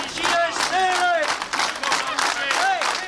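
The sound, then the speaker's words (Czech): A large crowd of employees at a rally in the courtyard of the Poldi steelworks in Kladno shouts a rhythmic chant in unison, loud and sustained, with rising and falling vocal tones and scattered claps beneath the collective yelling. “Tímto pokřikem byla dnes zakončena manifestace zaměstnanců na nádvoří kladenské Poldy.”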